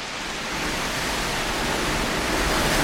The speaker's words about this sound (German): hörst du den Sturm? Das knarrt ja im Gebälk, als wenn das ganze Haus einstürzen würde.